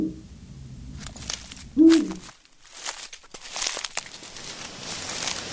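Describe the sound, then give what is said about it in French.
A Eurasian eagle-owl gives one deep, short hoot, set among rustling and crinkling sounds like movement through dry vegetation. No one speaks. “Nous partons à la rencontre du hippou grand-duc, l'un des plus grands rapaces européens.”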